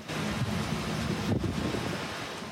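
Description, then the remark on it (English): Powerful storm wind roars steadily across the microphone, a dense, rumbling rush with gusty buffeting throughout and no voices, as strong winds rip through Lake Bonavista, scattering branches and knocking down several large trees. “Strong winds ripped through scattering branches and knocking down several large trees right onto their home.”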